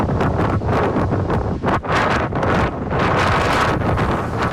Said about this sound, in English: That was near Elgin as a windstorm blew across the southern part of the province yesterday.